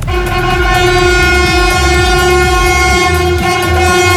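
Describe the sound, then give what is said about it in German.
An ICE high-speed train from Altona to Basel blares its horn in a long, steady, loud chord, greeting rail workers standing at the new bridge, while it rumbles over the bridge at 4:30 a.m., wheels clattering rhythmically over the track. “Ja, beim zweiten Zug wurde es dann etwas lauter. Das war ein ICE von Altona nach Basel.”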